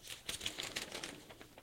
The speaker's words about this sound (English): Paper shuffle.